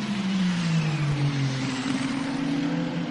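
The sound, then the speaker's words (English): Race car engines drone steadily as the cars drive into the pit lane, a loud low hum whose pitch dips and then rises again over a wash of road noise, with no one talking. “I thought it wasn't time for the cars to come into the pit lane.”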